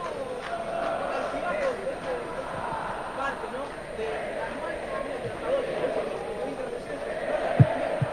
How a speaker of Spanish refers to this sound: Bien, ahí ya se repone los aplausos de todo el estadio.